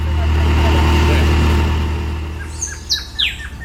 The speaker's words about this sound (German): Beim Lärm des Motors ist er fast nicht zu verstehen.